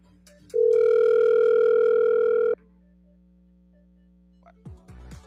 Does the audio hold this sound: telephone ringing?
yes